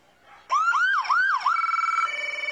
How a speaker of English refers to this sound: Yep, giving us a little wee-woo. Yeah, when I heard that sound earlier, I thought an alarm on my phone was going off. That kind of sounds like what wakes me up in the morning.